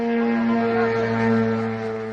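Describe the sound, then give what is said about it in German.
An air raid alarm in eastern Romania at the border with Ukraine, warning of a drone entering Romanian airspace: a steady, buzzy tone drones on without a break, holding one low pitch with harsh overtones for about two seconds, loud and with no voices. “Es ist eine Alarmmeldung, die vor diesem Geräusch warnt.”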